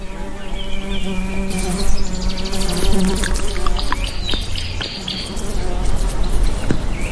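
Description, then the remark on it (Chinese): A steady buzzing of flies gathered at East African baboon dung drones continuously throughout, with faint bird chirps scattered in the background. “东非狒狒的粪便也给彩虹飞蜥带来了一些好处，它们聚集过来捕食苍蝇。”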